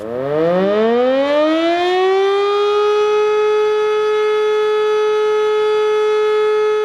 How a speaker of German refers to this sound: Jedes Jahr Anfang Oktober findet ein Zivilschutzprobealarm statt. Dabei wird die Funktionstüchtigkeit der Sirenen im Land getestet und die Bevölkerung wird an die unterschiedlichen Signale für Warnung, Alarm und Entwarnung erinnert.